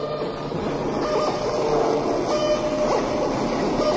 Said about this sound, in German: Was wir im Hintergrund hören, ist …, ein Stück von mir, gespielt von einem RC-Auto. Das Remote Control, also ferngesteuerte Auto, wird im Pomez Performance zur mobilen Klangquelle mit eingebauten Lautsprecher.